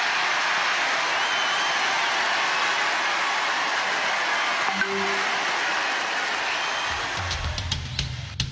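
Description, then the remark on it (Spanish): A large crowd at the Republican convention in Dallas, Texas gives the vice president of the United States a sustained ovation, a dense, steady roar of applause and cheering that holds for several seconds, with a few louder thumps and claps near the end. “Y pues tuvo esta ovación en la convención republicana en Dallas, Texas, el vicepresidente de los Estados Unidos.”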